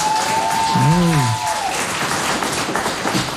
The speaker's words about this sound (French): Vous allez l'applaudir, s'il vous plaît. Voilà.